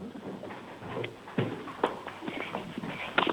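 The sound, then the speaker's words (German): A six-year-old boy from Krems, Lower Austria, runs to the door with quick, light footsteps that patter across the floor in an uneven run. The steps are a series of soft taps and thumps, fairly quiet, with faint background rustle and no talking. “Da lauft er los.”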